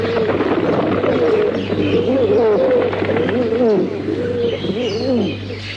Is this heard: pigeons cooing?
yes